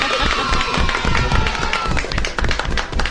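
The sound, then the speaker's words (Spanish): Children applaud in a steady burst of many overlapping claps, loud and continuous for about three seconds, with faint young voices mixed in underneath. “Y los niños aplauden.”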